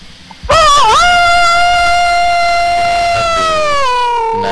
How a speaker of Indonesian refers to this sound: Ini Mama Fajar katanya ayam gak berkokok malam. Ini berkokok Mama Fajar, jangan salah Mama Fajar. Tuh, ada suara ayam mau menelur juga. Suara ayam bertelur juga.